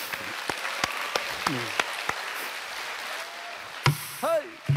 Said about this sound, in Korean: 이럴 때 박수 한번 쳐 주십시오.